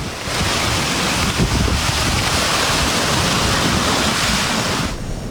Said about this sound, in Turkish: Kısa sürede etkili olan sağanakla birlikte oluşan sel suları mahalle içerisinden akarak işte böyle ilerledi.